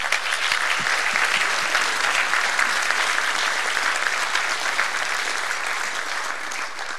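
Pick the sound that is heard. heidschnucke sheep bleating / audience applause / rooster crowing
audience applause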